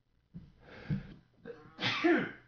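A person coughs twice in quick succession, the second burst louder and harsher than the first, with no talking around it.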